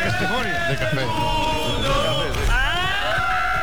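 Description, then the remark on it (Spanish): People in a bar erupt in overlapping shouts and whoops, many voices yelling together in loud, excited celebration, with a rising cheer near the end. “Ese grito final no llega a ser un irrinchi, es una cosa rara.”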